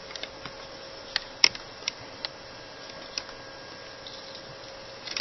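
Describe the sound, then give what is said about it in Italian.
Sparse, irregular clacks of typing on a laptop keyboard, picked up by the laptop's internal microphone, about a dozen sharp clicks with uneven gaps, over a steady low electrical hum and faint hiss. No one speaks. “Comunque devo necessariamente cambiare microfono perché questo che sto usando è il microfono interno del portatile. E non posso usarlo perché appena digito si sente un bordello della Madonna di Gesù.”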